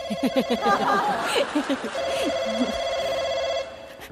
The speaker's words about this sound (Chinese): 回来接电话。